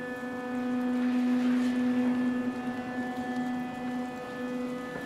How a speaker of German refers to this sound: 4 Wochen dauert es jetzt noch, bis das Leder fertig ist. Die Häute werden auf der Wasserpresse entwässert.